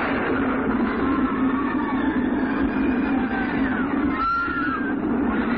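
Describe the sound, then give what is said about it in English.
A runaway mine train on Big Thunder Mountain rolls steadily along its tracks, a loud continuous rumble, with thin metallic wheel squeals rising and fading over the top. No voices are heard. “what strange force has unleashed the runaway mine trains on Big Thunder Mountain, but every day, Big Thunder strikes.”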